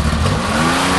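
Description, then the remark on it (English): A car engine revs loudly and steadily, a dense mid-pitched mechanical roar with no speech, sustained through the whole short moment. “Do you have a car that sounds like this?”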